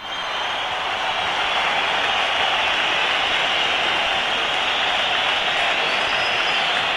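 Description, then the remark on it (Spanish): A huge crowd of Valencia supporters at Mestalla stadium applauds steadily at the end of the football season while whistles rise and hiss through the roar, a dense, unbroken wash of clapping and shrill whistling that holds at a loud level throughout. “Entre pitos y aplausos se despiden los aficionados del Valencia.”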